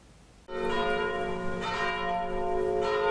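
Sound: church bells ringing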